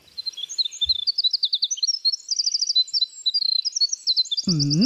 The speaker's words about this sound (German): Und das versuchen die mit komplexeren Melodien zu beweisen, also was für tolle Sänger sie sind oder was für kreative Komponisten. Das ist zum Beispiel der Fall bei Winterzaunkönigen. Die haben meistens mehrere Partnerinnen pro Saison.